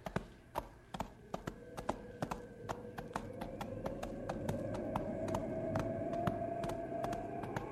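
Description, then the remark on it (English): Horse hooves clip-clop along a trail as snow falls, in a steady, brisk rhythm of sharp knocks, while a low whistling drone, like wind, slowly rises underneath. “Wish my horse thought so. We better push a little faster.”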